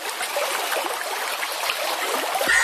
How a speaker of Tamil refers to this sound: நல்ல மழை பெஞ்சு தண்ணீர் எல்லாம் கரையை தொட்டுக்கிட்டு எவ்வளவு அழகா ஓடுது பாரு.